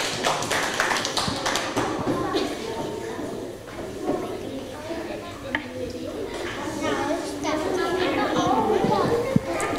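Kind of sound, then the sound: crowd, children clapping hands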